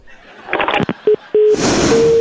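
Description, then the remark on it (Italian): Clattering handset noise gives way to two short electronic beeps and then a steady, continuous telephone dial tone humming on under a hiss of line noise after the other party hangs up the call. “Signora, se mi butta giù il telefono, come facciamo a tarare due 5G?”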